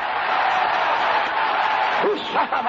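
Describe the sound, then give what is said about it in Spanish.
An audience applauds God in a steady, dense wash of clapping, with a couple of voices whooping and calling out over it near the end. “Levanta, aplauso ahí a Dios, aplauda a Dios, aplauda a Dios.”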